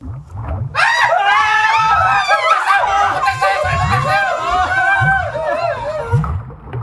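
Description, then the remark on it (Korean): A group of people huddled together on the floor of a warehouse scream in terror as a monster runs at them, many shrill voices overlapping in a loud, sustained outburst for several seconds, with a steady low thumping pulse running underneath. “주저앉은 채 서로 꼭 부둥켜하는 소초모들의 비명이 창고 안을 가득 메운 순간이었다.”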